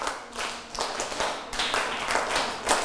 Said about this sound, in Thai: ปรบมือ1ครั้ง2ครั้ง3ครั้ง4ครั้ง5ครั้งปรบมือ3ชุด